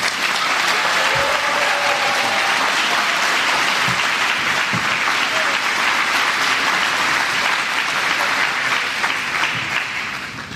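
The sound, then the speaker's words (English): Sustained, loud applause from an audience for members who have just spoken, a dense crackle of many hands clapping with a few faint voices mixed in, tapering slightly at the end. “Can we have another round of applause for these wonderful members?”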